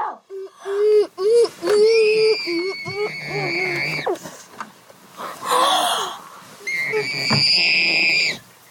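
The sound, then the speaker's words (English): Muffled screaming into a pillow: a run of strained, wavering wails and shrieks that rise and fall in pitch, broken by a breathy, rasping outburst before a final high sustained scream. “That is pillow screen.”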